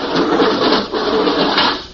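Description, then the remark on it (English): A heavy outer lock door grinds open with a loud, continuous mechanical scraping and rumbling, briefly dipping once before straining on and fading at the end. No voices. “There goes the outer door.”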